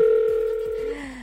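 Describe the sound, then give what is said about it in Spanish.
A steady electronic ringback tone from a phone line hums continuously at a moderate level, then briefly slides lower in pitch as it cuts off near the end. “María, answer the phone.”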